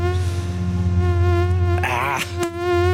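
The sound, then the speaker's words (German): A steady mosquito whine drones throughout, with a high-pitched wavering warble swelling midway and a brief sharp click near the end, no voices present. “Die Mücken sind unterwegs.”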